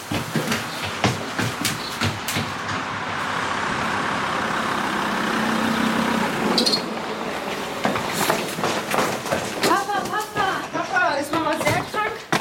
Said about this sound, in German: Da kommt dein Auto auf den Hof gefahren. Ja, Papa ist da.